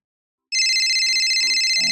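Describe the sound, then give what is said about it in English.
After a brief silence, a telephone bursts into a loud, continuous electronic ring with a rapid trill that keeps going to the end, with no voices. “I'm trying to use the phone!”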